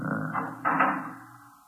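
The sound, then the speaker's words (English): A heavy fire door scrapes and swings shut, ending in a solid thud with a low, fading rumble that lingers afterward, with no one talking. “Till I close the fire door.”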